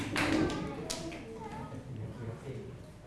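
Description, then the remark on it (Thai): A short burst of children in a class clapping for their classmates in group 1 at the start, a quick patter of claps, then a few scattered taps while a voice talks softly underneath. “ปรบมือให้กับเพื่อนกลุ่มที่1หน่อยค่ะถูกต้องนะคะ”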